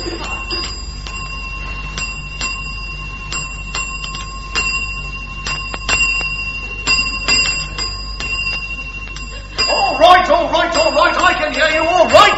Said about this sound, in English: Stop ringing that bell, can't you? What are you talking about, stop ringing that bell? That's what the bell's for, isn't it?